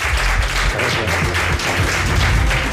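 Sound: audience applause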